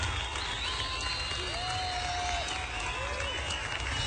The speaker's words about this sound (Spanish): Sí, Señor, tú has sido fiel. Te aplaudimos a ti, Señor.